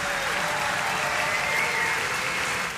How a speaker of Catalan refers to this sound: agraint aquesta ovació del públic de Leverkusen al costat de la seva banda, que l'acompanyarà també a les dues cançons que ens proposen ja per tancar el concert.